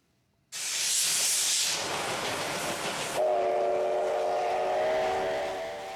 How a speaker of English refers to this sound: We shift now to Western Japan, where the operator of a steam locomotive has conducted a test run as the popular engine prepares for a comeback following a six-year break.